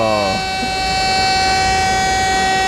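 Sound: alarm siren sound effect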